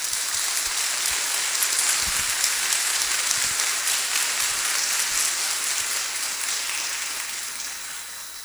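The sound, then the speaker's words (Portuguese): A crowd claps steadily for the community's young people for several seconds, a dense, crackling wash of many hands with no voices, tapering off slightly toward the end. “Vamos dar uma salva de palmas a eles.”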